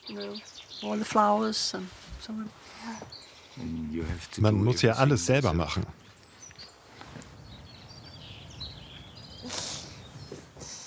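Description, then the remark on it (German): A person talks, then quiet outdoor ambience on the terrace of a summer house on Birkholm takes over, with small birds chirping and twittering faintly in the background. “Die Stille, würde ich sagen. Und die Vögel und all die Blumen.”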